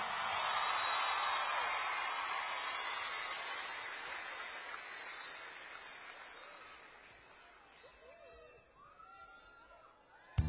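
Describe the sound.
An audience applauds with steady, dense clapping that gradually thins and fades over about eight seconds, leaving faint voices and a sharp click at the very end.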